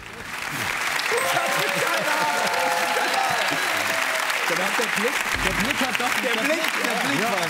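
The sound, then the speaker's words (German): Sustained applause from an audience, a dense steady clatter of many hands clapping that swells in within the first second and holds at a loud, even level, with voices murmuring faintly underneath. “Die ersten 500 Euro, dieser Applaus ist sehr von Erleichterung getrieben.”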